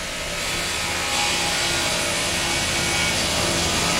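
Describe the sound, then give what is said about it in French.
Steady, harsh grinding of a saw cutting wood at a sawmill of a timber firm in Iquaraci, near Belém, a continuous noisy roar with a faint whining hum underneath that swells slightly after the first second and holds; no one speaks. “L'usine ressemble un peu à un ranch, des bureaux en bois dans une scierie.”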